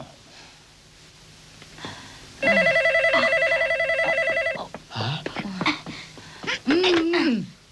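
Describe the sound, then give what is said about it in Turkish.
A loud electronic telephone tone sounds for about two seconds with a fast, warbling pulse, as a phone is dialed. Brief voices and breathy sounds follow close by. “Telefon parası sizden ha.”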